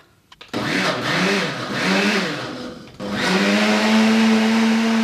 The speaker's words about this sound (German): Ja, also zuerst wieder die eingemachten Johannisbeeren zum Pürieren. In den Mixer. In den Mixer. Mit Apfelsaft, oder?